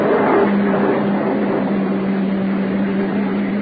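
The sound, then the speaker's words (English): A police car rolls up, its engine a steady low hum under a broad wash of road noise, with no voices. “Uniform car pulling up.”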